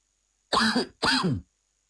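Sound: coughing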